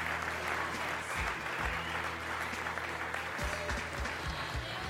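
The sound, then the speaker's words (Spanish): An audience at a church service claps steadily for several seconds as an offering of applause to Christ Jesus, a dense, continuous patter of many hands at an even loudness, with low hum and faint murmuring underneath. “Una ofrenda de palmas a Shkabal Cristo Jesús, hermanos.”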